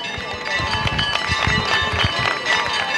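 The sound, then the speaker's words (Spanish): A crowd applauds and cheers steadily for a few seconds at the El Rocío pilgrimage, cheering the Virgen del Rocío, a dense wash of clapping with mixed shouting voices on top, loud and sustained throughout. “Efectivamente, aplausos, como dice Jesús, los vítores que hay, que le lanzan a la Virgen del Rocío, a la Blanca Paloma, a la Reina de las Marismas, en este caso una persona que está justo delante del Sin Pecado de la Hermandad de Villamanrique.”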